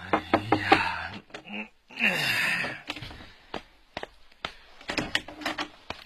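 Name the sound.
door being opened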